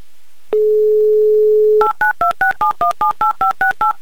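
A steady dial tone hums for over a second, then a rapid, even run of about eleven touch-tone beeps punches in a phone number, loud and clear with no voices.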